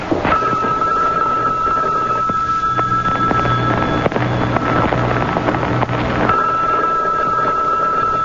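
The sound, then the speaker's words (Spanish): An electronic telephone ring sounds as a steady high trill, first for a couple of seconds, then again after a long pause, over a constant rumbling background noise. No one speaks. “Bueno, y es que nadie va a contestar.”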